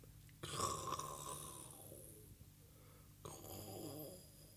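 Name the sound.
imitated snoring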